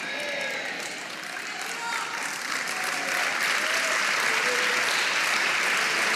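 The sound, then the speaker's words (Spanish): A crowd claps steadily and energetically for the Lord at a preacher's call during a Spanish-language sermon, a dense wash of applause that swells and grows louder toward the end, with faint voices and whoops rising over it. “Vamos, dele palmas al Señor, dele palmas, dele palmas, dele palmas.”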